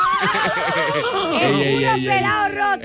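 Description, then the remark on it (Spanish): A person loudly imitates a horse's whinny, a warbling, quavering cry that wobbles in pitch and slides downward over about three seconds. “Caballito, ay, ¿cuándo vamos a relinchar en tu camita de nuevo?”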